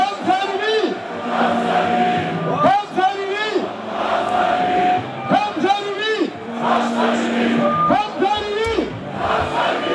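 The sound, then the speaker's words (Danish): A large crowd of AGF football fans in Aarhus, Denmark, cheers and chants in celebration of the club's victory, with a DJ on a balcony; many voices overlap in loud, continuous shouts that rise and fall in rhythmic swells for the whole stretch. “Et meget, lad os sige det, taknemmeligt publikum.”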